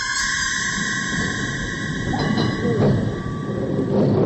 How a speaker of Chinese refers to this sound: 老式的有轨电车在街道上慢慢地开着，车厢里只有很少的几个乘客